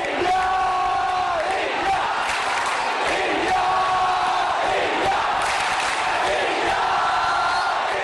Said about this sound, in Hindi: अगले 10 दिन सात समुंदर पार स्कॉटलैंड के ग्लासगो की फिजाओं में भी इंडिया इंडिया के ये नारे गूंजते सुनाई देंगे, क्योंकि आगाज हो चुका है 22वें कॉमनवेल्थ गेम्स का।